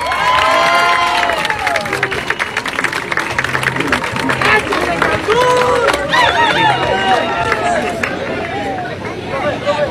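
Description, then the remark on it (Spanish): A crowd in Cancún at a stage show with a folk dance company from Tlaxiaco, Oaxaca, applauds steadily with dense, continuous clapping, while cheers and excited shouts rise over it throughout, loud and sustained for the whole stretch. “¡Queremos escucharlos aplaudir!”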